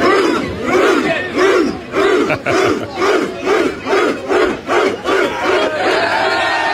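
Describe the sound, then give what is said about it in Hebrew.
A large crowd of England football fans celebrating in London chants loudly in a steady, rhythmic pulse, voices rising and falling together with regular beats for several seconds, then settling into a sustained roar. “האוהדים האנגלים אפי חגגו בלונדון בדרך יצירתית במיוחד.”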